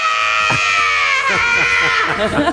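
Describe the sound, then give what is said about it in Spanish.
A man lets out a loud, drawn-out scream of pain, sustained for a couple of seconds, wavering and breaking toward the end. It is a voice acting out the agony of being given an adenosine injection. “Haz el grito.”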